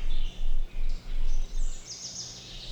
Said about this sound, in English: monotonous the sounds of the forest would be if the music came only from the top 10 birds.